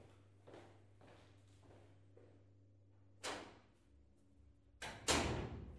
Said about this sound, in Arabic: مين؟ مين؟ أنا مقعد يمه، افتح الباب.